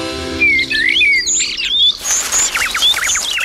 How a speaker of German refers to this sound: Und was die Vögel wirklich sagen.